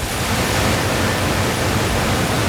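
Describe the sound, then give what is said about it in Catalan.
The rotary printing press of Imprinsa in Sant Fruitós de Bages runs at about 3:15 at night with a steady, dense mechanical roar, a constant wash of rumbling noise that holds at the same level without pauses or voices. “Aquest so que ens fa pensar que també en un altre lloc, en molts d'altres llocs, s'està treballant i de valent a aquesta hora, com per exemple la rotativa d'Imprinsa a Sant Fruitós de Bages”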